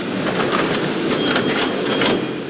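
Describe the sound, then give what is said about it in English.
A subway train rumbles loudly and steadily through a Mexico City subway station, with hissing and metallic screeches rising and fading over the dense roar. No one speaks. “who's waiting for the next train with her 5-year-old son”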